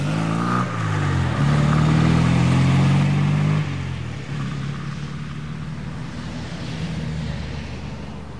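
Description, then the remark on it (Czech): A car engine revs loudly with a rising then steady tone, shifts down around the fourth second, and continues as a lower rumble as the car, with a policeman sitting beside the driver, pulls away toward the motorway; no one speaks. “Jenom přikývl a pak už si zase sedl vedle řidiče a otvrčeli směr dálnice.”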